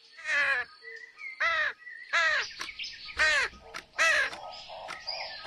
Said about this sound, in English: In front of an alarm clock were a tired-looking mama bird and 6 squeaky, wiggly, fluffy baby birds, all rolling about and screaming.